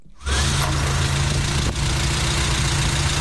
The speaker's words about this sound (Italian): Stiamo mettendo in moto la Renault 4 che posizioneremo qui all'esterno, con all'interno durante tutta la fase della trasmissione.